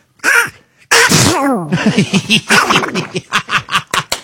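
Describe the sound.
A voice imitates Donald Duck sneezing: a sharp sneeze burst followed by a string of rapid, raspy quacking squawks in a rhythmic series, loud.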